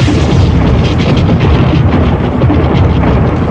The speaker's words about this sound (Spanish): El trueno es el ruido que hace el relámpago al calentar el aire, a menudo hasta 55.000 grados Fahrenheit.